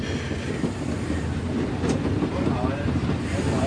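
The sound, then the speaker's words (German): A 1934 express steam locomotive, based at the harbour in Frankfurt-Ost, Germany, rolls steadily along the track toward the coal track to load coal, a continuous rumble with low rhythmic clatter from the wheels and a brief hiss in the middle, holding an even loudness throughout. “Baujahr 1934, ist eine Schnellzuglokomotive, 103 Stundenkilometer schnell, rückwärts 80.”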